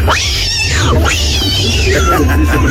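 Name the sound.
cat meowing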